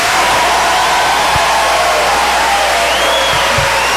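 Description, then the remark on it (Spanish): An audience applauds loudly and steadily for the requinto guitar player, a dense wash of clapping that holds for several seconds, with faint whistles and cheers rising above it. “Queremos dar un aplauso muy cariñoso, efusivo, sí, fortísimo, al requinto que lo maneja,”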